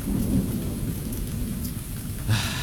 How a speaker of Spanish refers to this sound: Llueve. ¡Puerta! Oh, cómo llueve.